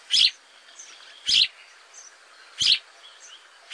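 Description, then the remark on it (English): A sparrow chirps three times at a steady, unhurried pace, each short call bright and clear against a quiet background, with no other voices. “In the 1870s, another European sparrow came to the U.S., but had a completely different fate.”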